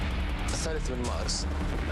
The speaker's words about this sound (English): You would have heard this crackle of gunfire. If you had gotten closer, you would have heard the shouts of protesters.